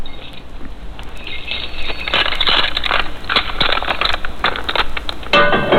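Prison doors unlocking and clanging shut: a rapid run of sharp metallic clicks and clatters that swells louder halfway through and ends in a harsh, sustained grinding rattle, with no voices.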